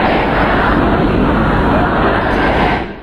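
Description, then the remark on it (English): A large crowd of mourners at funeral proceedings for Iran's late supreme leader Khamenei in the city of Mashhad, Iran, shouts slogans together against any compromise with the US, a dense, loud, continuous roar of many voices that holds steady throughout and fades slightly at the very end. “Well, we can hear there mourners who filled the city of Mashhad for the last several days of funeral proceedings.”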